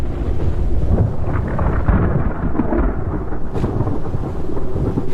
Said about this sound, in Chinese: 坠落的雨滴带来了冷空气。温度较低的下沉气流使空中形成了弧状云，看来不久后将会发生强烈的暴风雨。